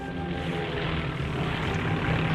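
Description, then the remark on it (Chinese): A loud, steady drone of propeller aircraft engines, ten Japanese bombers over Kunming, China, on 18 December 1941, fills the whole stretch, a thick continuous roar with a low throbbing hum and no voices. “10架日机轰炸焦三桥、麻园、习子营、北沙河埂、吹霄巷和环城东路一带，共投弹23枚”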